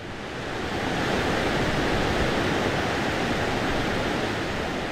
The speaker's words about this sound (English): New York City has exactly one freshwater river, and it happens to flow right through the middle of NYBG.